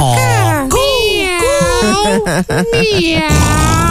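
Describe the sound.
On a radio show, a person imitates a pig as a favorite animal noise with a loud run of high, wavering nasal squeals that rise and fall in pitch, broken by a few short choppy grunts, lasting about four seconds.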